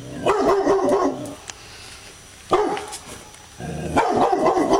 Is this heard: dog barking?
yes